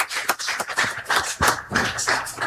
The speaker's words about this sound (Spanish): Levanten la mano los hermanos y hermanas también de la comunidad Guadalupe. Fuerte los aplausos a ustedes.